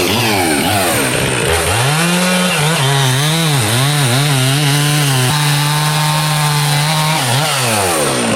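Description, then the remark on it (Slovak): A chainsaw runs loudly for several seconds in the village of Kolonica. Its engine note rises and falls as the throttle is revved up and eased back, with no one speaking. “A zapnete nám ešte tú motorovú pílu, nech si trošku nahrám aj ten zvuk.”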